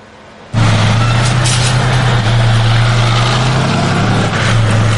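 A Soviet T-72 tank of the tank battalion of the 10th separate mountain assault brigade roars to life after a brief quiet moment, then keeps up a loud, steady, deep rumble with gritty mechanical noise as it drives.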